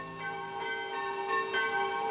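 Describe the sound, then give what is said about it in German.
Church bells, rung by pulling the two bell ropes in a church at the Weinfelder Maar, ring steadily, their overlapping strokes blending into a continuous, resonant peal with a long shimmering hum, heard alone without any voices. The bells can be heard as far as Schalkenmehren. “Läuten? Ausdrücklich erlaubt. Die Glocken, man kann sie bis nach Schalkenmeeren hören.”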